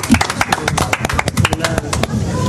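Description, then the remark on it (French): A small group applauds the guests during a Sud Radio broadcast on the terrace of the Théâtre des Vents, with brisk, irregular claps that overlap into a steady patter for a couple of seconds, fairly loud, with some voices mixed in underneath. “Sur Sud Radio, je vous applaudis très merci. Fort. Vous pouvez vous applaudir.”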